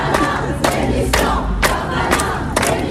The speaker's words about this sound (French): Alors, la foule réclame la démission du garde des Sceaux.